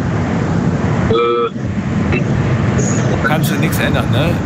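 Loud, steady roar of street traffic heard at the other end of a phone call fills the whole recording, broken by a short car horn toot early on and a few brief higher-pitched vehicle sounds toward the end.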